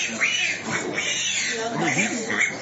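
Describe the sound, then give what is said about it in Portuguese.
Several pigs and piglets grunt and squeal in a steady, overlapping chorus while being fed in Juazeiro, Bahia, with higher-pitched squeals breaking through the lower grunting throughout. “alimentando os porcos e leitões.”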